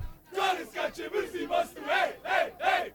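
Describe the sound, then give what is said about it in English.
A large crowd of Bosnian soccer fans in Toronto chants in unison, cheering on Bosnia's team, loud rhythmic shouts repeating about twice a second, voices blending into a roaring cheer with no pauses of quiet. “the joy was also in the chance to come together with other members of the North American Bosnian diaspora and cheer on their team.”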